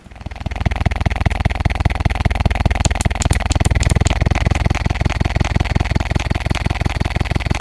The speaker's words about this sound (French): Il s'agit d'un sextoy.